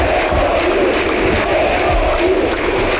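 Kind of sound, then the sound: crowd, stadium crowd cheering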